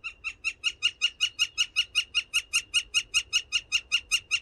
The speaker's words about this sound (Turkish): Altın Ağaç Kakanı Magdalena Z. Kanada'da kaydetmişler. Ve eBird'ün kuş sesi ve görsel işitsel platformu Macaulay Library'sinde, kütüphanesinde paylaşmışlar.